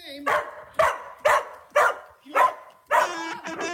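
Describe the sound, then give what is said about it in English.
A dog barks about six times in a steady rhythm, each bark drawn out and voice-like as if mouthing syllables, with the final bark longer and more tonal, as if saying the dog food brand name Ruff Greens in an advert. “So good, your dog will ask for it by name.”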